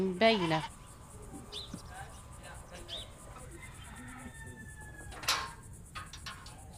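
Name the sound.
sheep bleating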